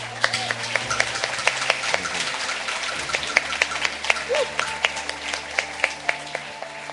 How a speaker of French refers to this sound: En conséquence, eh bien, nous allons applaudir les jeunes.